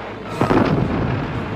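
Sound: artillery fire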